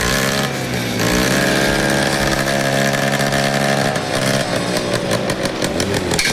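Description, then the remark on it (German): Loud rally car engines rev hard, their harsh droning pitch climbing and dropping, then breaking into quick throttle blips near the end, with no voices at all. “Wir erfahren es morgen Morgen und es wird etwa ein bisschen Motoren. Für gewisse Leute ist das Musik in den Ohren, oder?”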